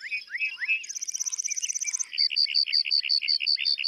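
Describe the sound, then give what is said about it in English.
A lark bunting sings, opening with slurred whistles, running into a rapid high trill, then a series of repeated buzzy chirps, clear and loud with no voices. “Male lark buntings perform elaborate flight displays to attract mates and fend off rivals.”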